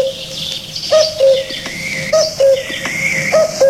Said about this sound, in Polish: O, to jest sygnał stacji wileńskiej. Halo, Polskie Radio Wilno. Halo, Polskie Radio Wilno.